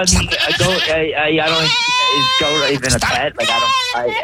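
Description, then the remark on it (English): A pet goat named Jimmy bleats loudly, a string of wavering, quavering cries that run almost continuously, one after another, with only brief breaks between them. “Okay, you're telling me the goat ate my ring.”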